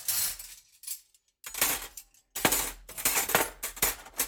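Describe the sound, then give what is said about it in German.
Dishes clink and clatter repeatedly as they are dried and set down at home, bright metallic and ceramic chinks in irregular bursts with a short pause in between, with no talking. “Jule ist mit der Hausarbeit dran und soll das Geschirr abtrocknen.”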